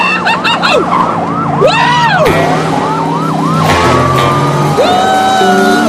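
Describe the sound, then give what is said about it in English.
Two police squad cars chase a speeding car on a highway, sirens wailing loudly, their rising and falling tones overlapping rapidly over a dense roar of traffic and engine noise. “Ricky swerves right onto a highway with two squad cars close behind him.”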